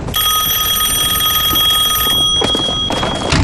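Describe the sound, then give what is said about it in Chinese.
A loud, continuous telephone bell rings with a bright metallic trill, steady for most of the moment before briefly breaking off and starting again, with no voices present. “什么事电话里说吗？”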